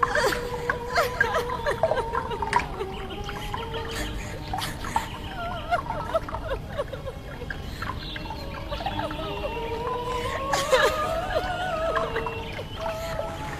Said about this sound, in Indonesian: Tangisan dan air matanya yang semakin keluar itu berubah dan menjadi genangan air. Suara tangisan semakin tersedu-sedu.